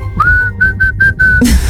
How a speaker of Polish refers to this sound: I najbardziej muzykalne gwizdki dzisiaj na Messengerze RMF Max z głosówkami